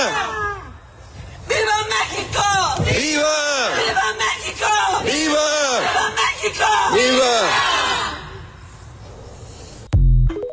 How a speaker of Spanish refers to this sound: Y bueno, ese fue otro grito de, no de independencia, sino de exigirle a la Fiscalía General de la República a que agilicen los procesos de búsqueda, que carpetas no se queden en el olvido